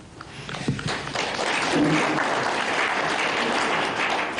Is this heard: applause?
yes